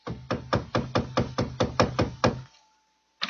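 Ten quick, firm knocks on the wooden front door of a house in a steady, even rhythm, fairly loud, followed by a brief silence before another sound begins.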